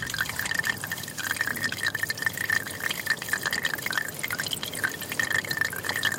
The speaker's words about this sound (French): Puis un mince filet a commencé à couler sur le lit de galets, sur cette rivière asséchée, autour de laquelle plus rien ne poussait à part fatigue.